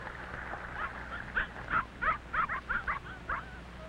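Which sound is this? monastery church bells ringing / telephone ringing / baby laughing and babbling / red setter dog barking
red setter dog barking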